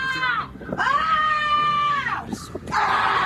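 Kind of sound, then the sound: crowd, children shrieking and shouting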